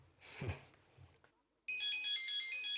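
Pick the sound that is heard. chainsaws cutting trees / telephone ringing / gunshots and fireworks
telephone ringing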